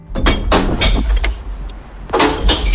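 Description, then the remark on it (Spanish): A rapid series of bright, crashing clinks as glass bottles tumble and smash inside a green glass recycling container, in two bursts separated by a short pause, over a low rumbling background. “Es el sonido de las botellas de vidrio cayendo en el interior del contenedor de reciclaje, el verde.”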